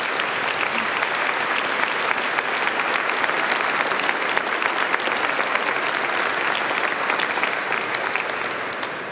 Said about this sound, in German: Großen Applaus.